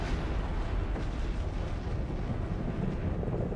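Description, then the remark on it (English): An atomic bomb dropped from an aircraft exploding, heard as a steady, heavy rumbling roar that fills the whole stretch without a sharp onset, loud and dense with deep low-end energy and no voices. “The bomb was finally released exactly at the designated hour, and the explosion occurred as planned.”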